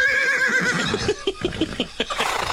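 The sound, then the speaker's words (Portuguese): A horse whinnies loudly, a high wavering neigh that breaks into a rapid series of fluttering, snorting pulses before trailing off. “Eu gostaria de ser um cavalo só pra ir andando e se aliviando.”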